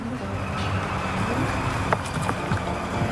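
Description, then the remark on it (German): Bicycles roll off along a busy street, riding to a bakery, with a few light mechanical clicks over a steady rumble of traffic; no one speaks. “Wir radeln los zu ihrem Bäcker.”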